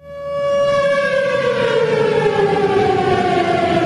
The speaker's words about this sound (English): That derecho she mentioned? It brought hurricane-force winds and triggered tornado sirens, as captured in this clip from Lakeland PBS.